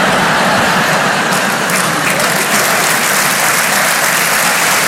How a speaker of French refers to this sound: Voilà, n'applaudissez pas sur ça, on est à Paris, je sais. Non. À Paris, les gens, ils applaudissent plus sur ça.